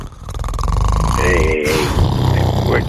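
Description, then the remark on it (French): Someone makes a loud, rough snoring imitation with their voice, a raspy rumbling drone lasting about three seconds with a brief break midway. “T'es en train de me ronfler ça à cause d'en dire que je dis une niaiserie.”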